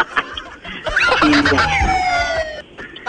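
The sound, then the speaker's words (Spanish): A loud ambulance siren sound effect wails for under two seconds, its pitch sweeping and gliding downward before cutting off, set against a busy background of noise. “Imagínate, no, ya eso es salir de aquí en ambulancia.”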